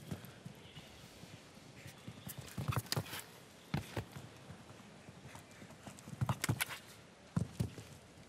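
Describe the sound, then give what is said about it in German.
Horse hooves clip-clop in an irregular series of sharp thuds, clustering in quick bursts against a steady background hum, with no talking. “auch wie das Pferd durch den Körper hindurch noch einmal drückt, dieser Emerald-Nachkomme”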